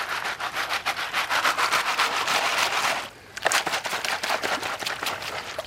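Sand, gravel and stones rattle and grind in a gold-panning sieve held in water over a pan, shaken in quick rhythmic strokes with a steady raspy clatter; a brief pause around the middle, then the shaking resumes just as loud. No voices.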